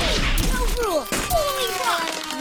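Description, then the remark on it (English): A rock strikes a car windshield with a sharp crack, and the glass splinters with bright, ringing, sliding tones that spread and fade over a couple of seconds, loud. “Summer rocks are coming for your windshield.”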